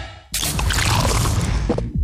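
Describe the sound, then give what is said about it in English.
A new 500ml Castle Lite beer can cracks open with a sudden burst, then a steady, loud fizzing pour runs for about a second and a half over a low hum, with no voices. “That is the sound of the new 500ml Castle Lite can.”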